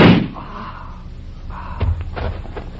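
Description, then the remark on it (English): A sharp, loud gunshot whose bullet pierces a car's gas tank right at the start, fading into a low rumble, followed by a few fainter thuds and knocks. “Your bullet pierced the gas tank.”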